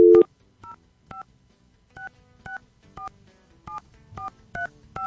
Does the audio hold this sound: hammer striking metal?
no